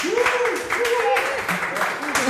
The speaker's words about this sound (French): Et on les applaudit, voilà, en public.